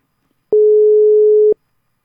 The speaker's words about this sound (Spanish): Bueno, a ver. Suena el teléfono.